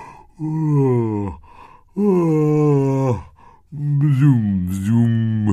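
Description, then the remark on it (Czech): A voice performs three long, drawn-out yawns in a row, each a loud, sustained groaning breath that swoops in pitch, separated by short pauses, as a storybook creature, a medák, yawns widely after waddling out of a foxglove flower. “Z květu se vybatolil medák a zíval na celé kolo.”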